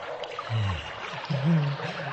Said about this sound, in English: You see, our old rusty pipes just gave out on us last night, so the floor is full of water.